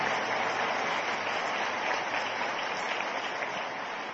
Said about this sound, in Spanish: Dios los bendiga, un aplauso para ellos. Amén.